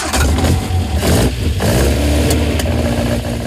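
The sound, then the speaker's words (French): A loud old racing car engine revs at the 100th-anniversary Côte des Rangiers hill-climb race, its throaty roar surging and dipping in repeated bursts over about three and a half seconds, with no voices. “Je viens avec l'ancienne voiture.”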